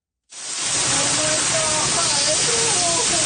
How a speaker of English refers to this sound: her family helplessly watch a virtual river rush towards their St. Catharines, Ontario property. Almost like a tsunami coming down the escarpment